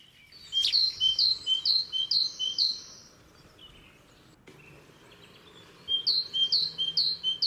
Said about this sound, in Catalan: Sí, aquest és el... la tintipella. Tintipella, eh? Sí, que és un dels noms populars de la mallarenga Carbonera.